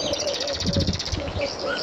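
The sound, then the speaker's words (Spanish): Small birds chirp continuously in rapid, overlapping trills and tweets, steady throughout, with a soft low rumble of outdoor background beneath them. “Ya cuando conseguí salir y empezar a oír los pajaritos”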